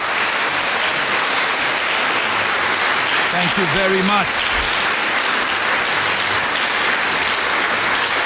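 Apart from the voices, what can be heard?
audience applause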